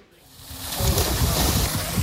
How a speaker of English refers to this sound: On a sweltering day, Israeli settlers splash in a pool at a Jordan Valley archaeological site. It was filled this summer by diverting the water supply for a nearby Palestinian village in the occupied West Bank.